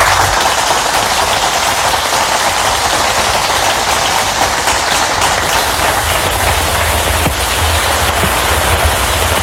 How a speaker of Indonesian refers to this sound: Hujan lagi. Loh, tapi kok rasanya beda ya? Kamu tahu gak sih? Itu tuh namanya hujan asam.